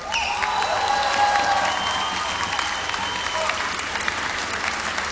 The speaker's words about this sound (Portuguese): E esta noite tem 5 elementos extra, que são os da banda. E são eles, e para eles eu peço palmas, faz favor, o João Rato no piano.